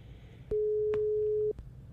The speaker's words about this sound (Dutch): Ja, de telefoon dus, die gaat over. Nou ben ik dus gewoon benieuwd. Ik ga deze persoon in kwestie namelijk verrassen. U hoort de telefoon overgaan. Maar de vraag is, gaat deze persoon in kwestie wel de telefoon opnemen?